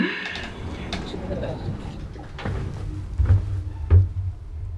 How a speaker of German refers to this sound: Tür schließt.